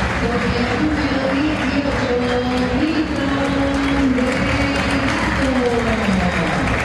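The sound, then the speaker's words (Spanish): A large stadium crowd applauds a player steadily, a dense wash of clapping and cheering that stays loud throughout, with a faint voice carrying over the roar. “Más aplaudido Paredes.”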